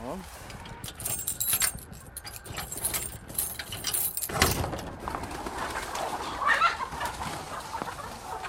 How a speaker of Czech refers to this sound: Očistíme si nohy a vstoupíme do království slepic.